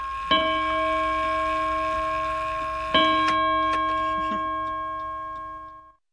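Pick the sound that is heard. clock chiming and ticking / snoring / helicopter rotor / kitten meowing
clock chiming and ticking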